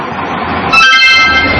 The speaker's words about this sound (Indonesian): Kenapa orang-orang pergi ke terminal bus ya? Iya benar. Mereka ingin pergi safar ke luar kota.